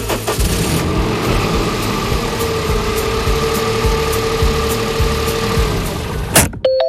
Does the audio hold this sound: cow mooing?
no